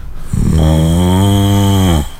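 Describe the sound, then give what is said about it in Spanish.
A person does a long, low, groaning moo, imitating the Milka cow just waking up, with a steady droning tone that holds for over a second before cutting off. It's loud, with no other talking. “Recién despertando.”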